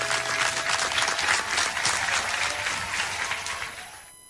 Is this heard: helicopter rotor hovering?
no